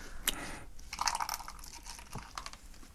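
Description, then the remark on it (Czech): A plastic beer bottle being twisted open: crinkly plastic crackles and sharp crunching snaps come in short uneven bursts, with a light hiss underneath and no one talking. “Tak to otevřem. Ale ono je to v petláhvích teda.”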